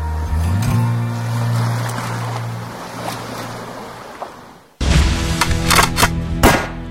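Surf and a low engine hum give way abruptly to a burst of loud, sharp gunshots, several cracks fired in quick succession at the BERG shooting range in Dąbrówka near Luzino, Poland, over a busy, echoing background.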